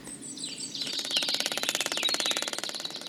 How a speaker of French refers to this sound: J'ai rapidement compris que j'avais affaire en fait à des percussions d'araignées. C'est-à-dire que ce sont des araignées qui tambourinent les feuilles mortes sur le sol et qui produisent ce son pour séduire les femelles.